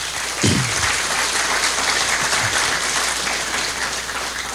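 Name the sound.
audience applause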